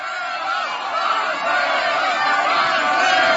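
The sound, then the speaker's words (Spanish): Celebrating Colombia football fans chant and cheer together at the Ángel de la Independencia, waving yellow flags, a dense, continuous wall of many voices that stays loud and steady for the whole stretch, with no clear breaks. “se trasladaron caminando al Ángel de la Independencia, donde al igual que en el Fan Fest se desató una explosión de emociones, cánticos y el ondear de banderas amarillas que se entrelazaban con las mexicanas.”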